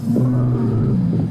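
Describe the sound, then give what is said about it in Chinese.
A loud, low stomach growl from hunger rumbles steadily for just over a second, a deep gurgling drone with a slight wavering pitch and no one speaking. “我一饿，肚子就会咕噜噜的叫。”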